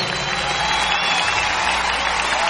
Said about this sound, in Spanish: Dale a Cristo ese aplauso.